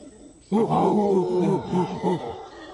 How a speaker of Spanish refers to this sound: Los monos aulladores son grandes y tienen voces fuertes. Estos son muy sonoros. Y que lo digas, por algo los llaman monos aulladores. Por las mañanas aullan para que todos sepan dónde están.